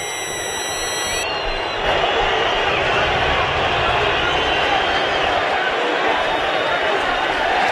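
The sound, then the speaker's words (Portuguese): Thousands in a big stadium crowd boo Santos for its performance after a 0–3 loss to Coritiba, a steady, dense roar that holds for several seconds. The referee's shrill final whistle sounds briefly at the start, then fades beneath the crowd. “Milhares vaiam o Santos pelo desempenho.”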